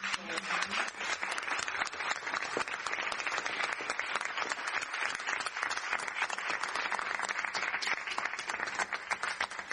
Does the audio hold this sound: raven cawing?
no